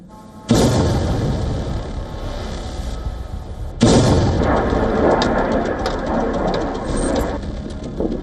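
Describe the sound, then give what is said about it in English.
Two powerful explosions from Russian drone and missile strikes on Kyiv, Ukraine, boom out a few seconds apart, each followed by a long, heavy rumble that lingers and slowly fades. Loud, with no voices. “Russian drones and missiles roar across the Ukrainian skies. Explosions rock busy streets.”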